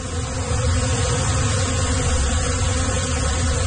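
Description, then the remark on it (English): A dense, steady hum from over 500,000 bees in 8 hives underneath the beds of a 10 by 12 room at Bees and Bloom Wellness near Windsor, a continuous low drone layered with a soft hissing texture that holds an even loudness throughout, with no talking. “There's 8 hives and they're underneath the beds.”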